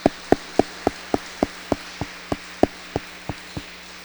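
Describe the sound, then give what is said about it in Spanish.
Applause at a church service congratulating two members on their 81st and 18th birthdays, with a steady, even beat: about a dozen sharp claps in unison, evenly spaced, over a faint low hum. No voices. “los felicitamos con un fuerte aplauso.”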